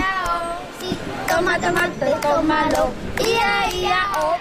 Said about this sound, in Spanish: Sí, ellos, ya habéis escuchado, son niños y niñas que están jugando, correteando por aquí, por el polideportivo.